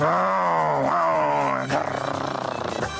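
A lion or tiger roars loudly, one long harmonic bellow that drops into a rough, pulsing growl toward the end, with no talking. It is a YouTube recording of lions and tigers roaring, played on equipment in a yard at 5 a.m. at full volume.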